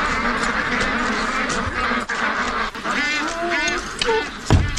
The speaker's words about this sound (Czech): Poslyšte, to jsem se vás chtěl zeptat, co je to tu všude za ptáky? Kachny. Jo, kachny.